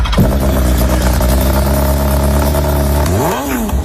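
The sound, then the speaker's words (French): A loud engine roars through an exhaust pipe, holding a steady low drone with strong harmonics before revving up sharply near the end and dropping back down. “Ah, le pot d'échappement.”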